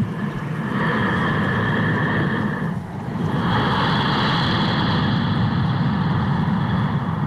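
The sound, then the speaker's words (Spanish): A sound art piece called Respiración Oceánica, built on breathing and referencing a yoga breathing technique, that resembles the sea: a steady, loud roaring wash with faint whistling tones above it, briefly easing off midway like a breath before swelling back. No one speaks. “¿Es una respiración o es el mar? Sí. Es una respiración, es una pieza que se llama Respiración Oceánica, cuya referencia lo da un tipo de respiración que se traduce o se dice así en yoga.”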